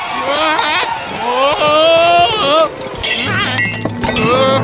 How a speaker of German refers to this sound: Ach, du faule Nuss. Jetzt ist mir alles runtergefallen.